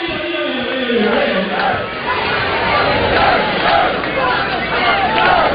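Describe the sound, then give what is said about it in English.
A large baseball stadium crowd at Kentucky Proud Park roars and cheers loudly and continuously for Kentucky, a dense wash of many voices yelling together with shouts rising and falling throughout. “Loudest the crowd's been so far today for Kentucky here at KPP, Kentucky Proud Park.”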